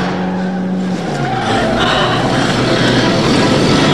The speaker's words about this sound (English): The red car peels away.